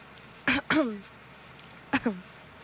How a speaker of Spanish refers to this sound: Por otro lado, tú me tienes tosiendo de día y de noche.